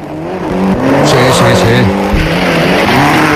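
A powerful car engine revs loudly, its pitch climbing and dropping in sustained roars with a brief high-pitched squeal of tires mixed in.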